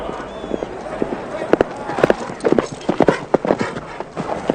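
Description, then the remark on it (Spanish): Many horses' hooves clip-clopping in a busy, irregular clatter, fairly close and moderately loud, with a rushing background noise throughout. “¿Cuántos caballos? 300, tal vez más.”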